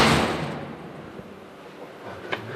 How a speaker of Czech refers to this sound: Tak ten zvuk dveří už říká mnoho, protože jsou evidentně pancéřové.